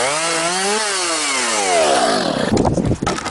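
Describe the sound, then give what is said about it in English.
A chainsaw engine revs up steadily in a loud, buzzing whine, then bogs down into a rough, ragged roar as the blade bites into wood during a storm clean-up. No one speaks. “Hear that? Your neighbour's trying to tackle a storm clean-up solo.”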